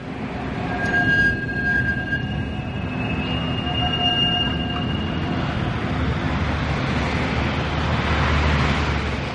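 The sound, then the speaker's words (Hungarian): Trams rumble past at night with steady rail noise, while their bells ring out with high bright tones in the first few seconds before fading into the continuing rolling clatter. “Éjszaka van. A villamosok csilingelnek. Messziről zsong az élet zaja.”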